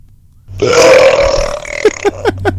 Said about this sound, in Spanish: A ver, vamos a pasar un eructo de alguien que dice que su superpoder es eructar sabroso.